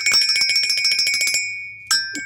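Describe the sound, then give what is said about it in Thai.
A small red bell rings in a quick, rapid trill of bright metallic strikes for over a second, then two more separate dings follow after a short pause, clear with no talking. “และก็แน่นอนเสียงแห่งความสดใสกับกระดิ่งสีแดง”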